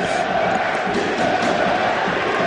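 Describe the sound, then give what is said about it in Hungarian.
The Győr home crowd at a football match against Riga cheers their team in a loud, continuous roar that holds steady for a couple of seconds, with no clear breaks or single voices standing out. “A győri közönség támogatja a csapatot.”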